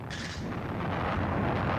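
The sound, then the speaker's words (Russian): A heavy explosion-like blast: a sharp burst at the start gives way to a dense, sustained roaring rumble that stays loud throughout, with no voices. “когда раздался взрыв”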